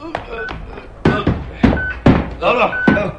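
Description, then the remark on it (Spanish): A series of heavy metallic clunks and thuds, about five irregular impacts with a brief ringing after each, as an FBI lieutenant and three soldiers remove the heavy beam that closes a huge metal door. “El teniente Harrison del FBI y tres soldados más quitan la pesada viga que cierra aquella puerta metálica.”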